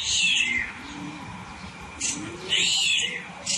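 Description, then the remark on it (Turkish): A bird's high, meow-like calls arrive in two bright, sweeping bursts, a starling imitating a cat's meow, with softer low warbling in between. “Evet, kedi sesini yapıyor sığırcık.”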